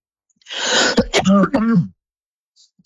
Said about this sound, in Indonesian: Nah, mohon maaf ya, pada pendengar masih batuk.